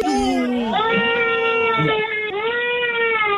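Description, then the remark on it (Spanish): A young girl cries loudly in sustained, high-pitched wails, the pitch bending up and down through drawn-out sobbing cries with only brief catches of breath. “¿Por qué llora la niña?”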